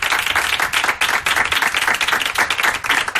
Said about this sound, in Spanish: Un aplauso para Alberto Ginés.